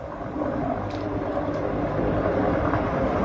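A loud, steady roar from a helicopter dropping water on a fire, a dense mechanical rumble with a faint rotor flutter that holds constant throughout, with no voices.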